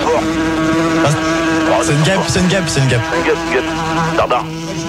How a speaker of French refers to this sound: une mouche. Elle revient.